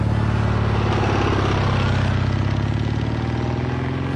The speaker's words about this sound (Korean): 오토바이는 사정없이 질주해왔다.